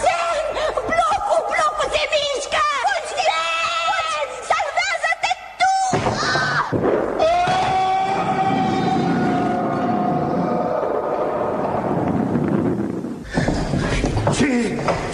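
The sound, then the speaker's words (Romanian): Excited voices shout, then weak stone blocks in a cave give way and collapse over the niches in a loud, sustained, reverberant rumbling crash that lasts several seconds, before a short quieter moment and a final knock. “Blocurile nu erau prea rezistente, s-au prăbușit peste firide.”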